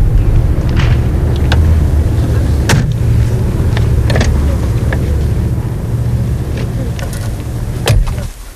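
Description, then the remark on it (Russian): A car engine idles with a steady low rumble while several sharp clunks and clicks sound, like doors and fittings as people settle into the vehicle. “Пойдем в тачку, потолкуем.”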